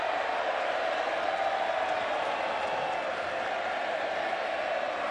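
A large stadium crowd applauds and cheers in a steady, unbroken roar of clapping and voices that holds the same fairly loud level for the whole five seconds, with no individual words standing out.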